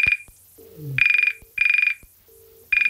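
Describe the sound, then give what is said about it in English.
A Trim phone's electronic ringtone sounds in loud bursts of rapid warbling trill, repeating about four times with short gaps between, and no one speaking. “If possible, call us from a Trim phone.”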